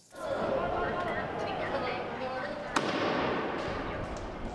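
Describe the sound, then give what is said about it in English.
A single sharp firecracker bang, lit by protesters at a street demonstration in La Paz, Bolivia, cracks out partway through, over a steady wash of loud outdoor crowd noise and overlapping voices. “Another tense day in La Paz, with protesters blocking streets and lighting firecrackers, and police responding with tear gas.”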